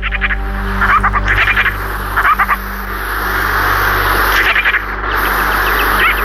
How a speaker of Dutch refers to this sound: Ja, we gaan het onder meer hebben over de vogel die dit geluid maakt.